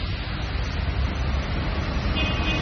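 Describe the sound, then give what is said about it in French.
A number 3 city bus pulls up, its deep engine rumble steady and loud, with a thin high whine creeping in near the end as it comes to a stop. “Tiens, voilà le 3.”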